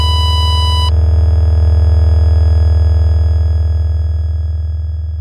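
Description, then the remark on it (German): A Boeing cockpit warning alarm sounds during an emergency descent as a short, bright electronic tone lasting under a second, then gives way to a loud, steady low droning hum that continues throughout, with no voices. “50 Sekunden nach dem ersten Alarm.”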